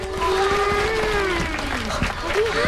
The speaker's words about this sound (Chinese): 今天呢，我们专门请到运河建设指挥部的工程师叔叔来给大家讲一讲运河背后的故事，大家掌声欢迎。